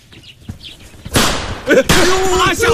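After a second of near quiet, firecrackers lit by a young man burst into loud, rapid crackling that keeps going without a break, a dense string of sharp pops with a brief dip midway before resuming.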